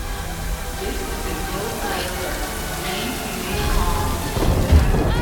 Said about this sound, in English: Water sprays down into the stairwell.